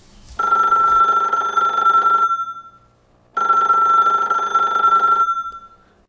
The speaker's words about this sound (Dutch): Oh, telefoon.